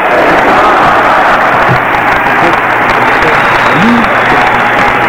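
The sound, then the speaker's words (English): Sustained audience applause after a speech by Minister Louis Farrakhan in Winston-Salem, North Carolina, on September 18, 1993: a dense, steady wash of many hands clapping at once, loud and continuous throughout with faint crowd murmur underneath. “Let's give the Honorable Minister Louis Farrakhan a round of applause.”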